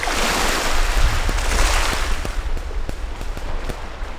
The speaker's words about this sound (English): And the tranquility of the waves on the shore.